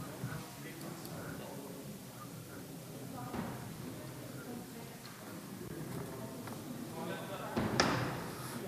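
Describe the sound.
A door thuds shut once near the end, a short solid slam as a man briefly leaves the room during a meeting, over a murmur of people talking.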